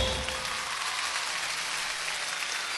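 An audience applauds steadily, a dense wash of many hands clapping at an even, sustained level for a few seconds, with no voices over it.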